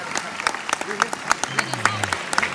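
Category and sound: crowd, loud applause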